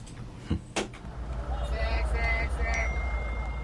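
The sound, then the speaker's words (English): A phone notification chime rings out with bright, sustained tones after two sharp clicks, set against a steady low rumble of background noise. “Charlie, notifications.”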